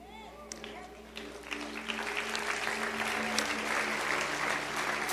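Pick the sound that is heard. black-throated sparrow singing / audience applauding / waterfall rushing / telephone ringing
audience applauding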